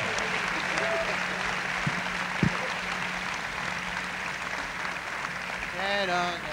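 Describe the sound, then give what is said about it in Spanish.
A concert audience applauds guest conductor maestro Abraham Barrera at an Orquesta Sinfónica Juvenil del Estado de Veracruz performance. The broad clatter of many hands holds at moderate volume, with a few faint voices and a brief whistle-like tone rising near the end. “Así es que aplauso fuerte también para él.”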